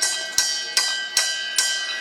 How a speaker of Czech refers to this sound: Na každý tý varně byl z jednoho důležitého důvodu. Historicky oni tenkrát i naši předkové neměli žádné spojovací prostředky, takže jediný možný způsob, jak dát ve sklepě vědět, že várka je hotová, bylo zacinkat na zvon a dole ve sklepě už věděli.